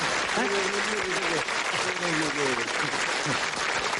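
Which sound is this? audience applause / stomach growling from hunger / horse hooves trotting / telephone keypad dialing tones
audience applause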